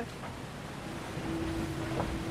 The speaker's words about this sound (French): Le bateau qui peu à peu prend de la vitesse, on le sent, et qui se prépare à décoller. Là, le bateau a décollé.